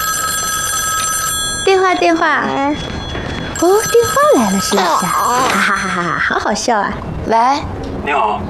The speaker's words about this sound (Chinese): 哦，电话，哦，电话来了，是不是？